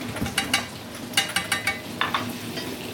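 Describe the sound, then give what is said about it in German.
Food sizzles steadily in a hot pan while a utensil scrapes and stirs in short, repeated strokes, with no one speaking. “So, jetzt brutzelt das.”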